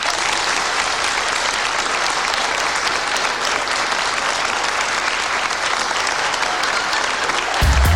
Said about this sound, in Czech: A nyní dovolte, abychom přikročili ke slavnostnímu odhalení. Poprosil bych váš potlesk.